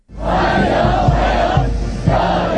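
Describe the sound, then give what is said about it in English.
A large crowd in Beijing, China, waving US and Chinese flags, cheers and shouts in unison to welcome Donald Trump arriving for a state visit, at steady, loud volume, with a dense wash of many voices and a few brief accented calls standing out over the continuous roar. “Donald Trump has arrived to a formal welcome in Beijing, presented with flowers and crowds waving US and Chinese flags.”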